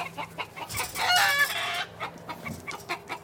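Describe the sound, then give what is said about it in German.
Chickens cluck steadily in a farmer's henhouse, with short repeated clucks and a louder, drawn-out squawk in the middle, and no talking. “Der freundliche Seppelbauer schickt die beiden in den Hühnerstall.”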